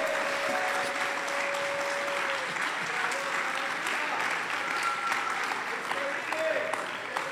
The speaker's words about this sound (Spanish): Y yo dije, hermanos, ahí está la respuesta de Dios. Yo no sé si usted le puede dar un aplauso fuerte.